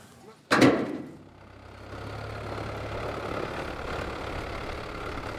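A sharp knock or thud opens, then a boat engine starts up and settles into a steady low idle, rumbling on continuously, as the men of the Sylter Austern Company set out to the oysters by boat; the boat type comes from France and is built for oyster fishermen.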